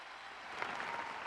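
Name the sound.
audience applauding loudly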